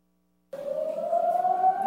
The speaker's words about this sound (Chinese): 下午1:30，演习警报声响起，花莲市区人车进空，许多店家、公司行号纷纷拉下铁门，熄灭灯光，暂停营业。